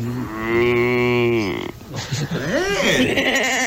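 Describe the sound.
A man imitates farm animals: first a long, low, sustained cow moo that droops at the end, then after a brief pause a wavering, warbling sheep noise, loud and unaccompanied.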